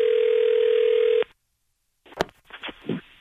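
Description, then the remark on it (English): A steady electronic phone ring tone buzzes loudly over the line for just over a second as a prank call is placed to a major department store's customer service, then cuts off; after a short silence, a person starts speaking. “It's our phone prank, the phone, Jibba.”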